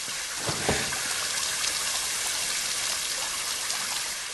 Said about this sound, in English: A pipe sprays water, damaged from a spell.